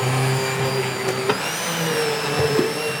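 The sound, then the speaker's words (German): A large, oversized immersion blender runs loud, mixing cooked floury potatoes for Coburg potato dumpling dough; its steady motor whine drones throughout with slight pitch shifts and a couple of brief knocks as it churns through the mixture. “Mit einem überdimensionierten Pürierstab mixt Markus Zimmer sie.”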